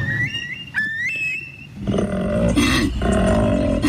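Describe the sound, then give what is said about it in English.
A male koala's breeding bellow during koala breeding season, shouted from the treetops to find mates: deep, rasping, guttural pulses that swell loudly and continue steadily for about two seconds, after an opening of high, thin whistling bird calls over a quiet low rumble. “Deep, throaty, guttural bellows are reverberating across the landscape. It's koala breeding season.”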